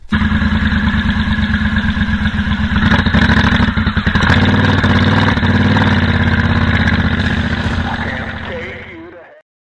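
A loud motorcycle engine rumbles steadily with a throbbing pulse, surges as if revved a few seconds in, then settles and cuts off near the end.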